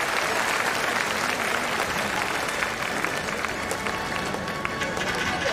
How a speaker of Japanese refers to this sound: 第20回アジア競技大会2026愛知名古屋体操競技女子種目別決勝平均台レインボーホールによってアジアチャンピオンを決める戦いが繰り広げられています。会場の皆様、大きな拍手で選手にエールを送ってください。